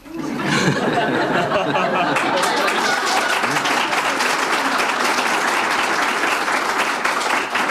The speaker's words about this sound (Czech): Začal jsi si povšimnout toho, kdo teďka tleskal? Ženy.